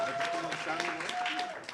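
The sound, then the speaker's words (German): An audience at the close of the Skook Talk in Vienna bursts into dense, steady applause, many hands clapping at once at a fairly loud level, with a thin high tone that may be a whistle running through it. “Erstmal einen ganz großen Applaus”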